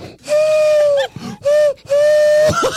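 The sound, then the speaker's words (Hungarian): Three hollow, breathy hoots blown through cupped hands, imitating a pigeon call. Each is steady and low-pitched, dipping slightly at the end, separated by short pauses with faint shuffling. “Várja, hát így összerakod a kezed, és csinálsz egy ilyen kis cuccot bele.”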